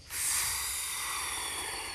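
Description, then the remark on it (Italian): A person blows a long, steady stream of air through the mouth, a breathy hiss that starts abruptly and holds for about two seconds, fading slightly toward the end, with no talking. “Ma che stai facendo? Perché soffi?”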